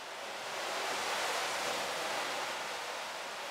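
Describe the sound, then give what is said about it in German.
A steady, dense hiss of pattering like a rain shower, made by a rain machine in a roof vault: metal balls tumble inside a drum turned by organ wind. It swells slightly in the middle and then holds even, with no voices. “In der Trommel, die mit Orgelwind angetrieben wird, drehen sich Metallkugeln und erzeugen einen prasselnden Regenschauer.”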